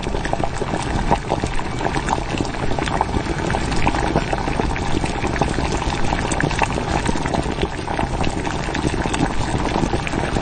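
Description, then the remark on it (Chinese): Caramel-sugar braising liquid bubbling steadily in a pot as a pork knuckle goes in, a dense, continuous simmering with constant crackles and pops at an even, fairly loud level, with no talking. “糖色汤汁已经调好，肘子下锅”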